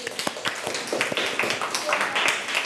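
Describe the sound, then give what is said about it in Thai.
A group of children in a classroom claps unevenly to praise a classmate's answer, with sharp, scattered claps running for a few seconds over a busy background of young voices chattering. “ไวรัสไข้สมองอักเสบดีมากๆเลยปรบมือให้”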